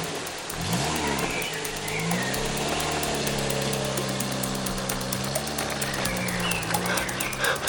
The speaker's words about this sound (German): Der Lieferwagen startete und fuhr weg.